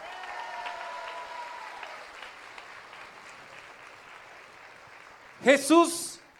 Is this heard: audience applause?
yes